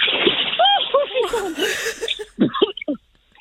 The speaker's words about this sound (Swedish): Ett litet plums. Lite plask. Lite. Där! Där.